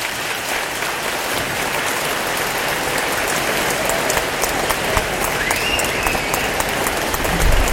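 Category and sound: crowd, applause from studio audience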